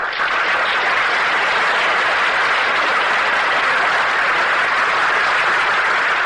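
Loud, sustained applause from a crowd for Madeline Carroll, the star of the evening: a dense wash of many hands clapping at an even level for several seconds with no voices above it.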